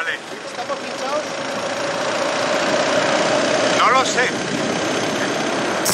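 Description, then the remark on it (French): A race motorcycle engine drones steadily and fairly loudly as it passes in front of a rider during a road cycling race, a sustained rumble with a brief rising whine near the middle, mixed with faint background voices. “Ah, il préférait que la moto passe devant, forcément.”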